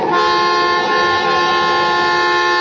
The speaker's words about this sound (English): What are you honking now for? He's gone. Your horn. What about it? Oh, nothing. I thought I'd heard it before.